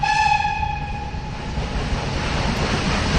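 A train horn sounds loudly at the start and fades within about a second and a half, over a continuous low rumble and clatter of railway wagons rolling past.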